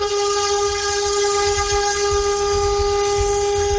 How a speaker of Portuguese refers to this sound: Sobrou ninguém na frente dele depois dessa buzinada aí. Pelo amor de Deus, o povo assustou tudo na rodovia.